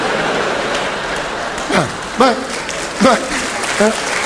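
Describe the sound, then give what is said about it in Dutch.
A crowd applauds in a steady, dense patter of clapping that lasts the whole time, with four short voiced whoops or shouts rising briefly above it. “Zullen we een afspraak maken over het applaus of allemaal of niet, zullen we?”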